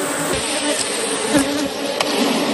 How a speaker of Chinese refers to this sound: 哦，你看你看，好多蜂蜜，还没飞走呢。 蜂窝排列有序，密密麻麻的蜜蜂附着在橙黄的蜂巢表面，似乎在护卫它们的家园。